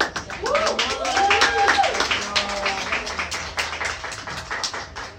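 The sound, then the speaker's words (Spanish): A group claps in a dense, steady patter of sharp slaps for several seconds, with excited voices calling out over it before the clapping thins toward the end. “Entonces creo que eso es lo más importante, aplaudirnos lo que sí estamos haciendo, que es para nosotras, la neta.”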